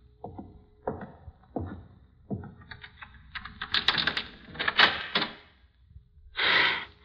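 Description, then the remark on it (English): A key rattles and clicks in a lock with a series of sharp metallic taps and scrapes, then a door swings open with a brief, breathy whoosh, without speech. “There's the key. Now, which door? That one, I think.”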